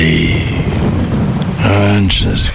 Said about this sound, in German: Naja, Regen. Ewig grau. Müssen Sie sich das anhören?